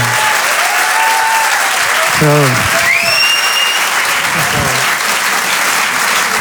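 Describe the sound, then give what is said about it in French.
An audience applauds loudly and steadily for several seconds, a dense wash of clapping with a few voices calling out and a rising whoop or whistle cutting through partway. “On peut l'applaudir.”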